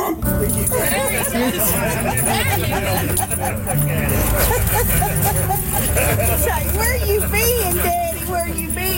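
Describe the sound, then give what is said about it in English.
A dog, finally recognizing its heavily bearded owner by scent, whimpers and yips excitedly in a rapid string of high, rising and falling cries, loud, with a steady background din of voices and noise throughout. “Finally, the doggy starts getting closer and finally smells him, which is a big part of the dog's world, right?”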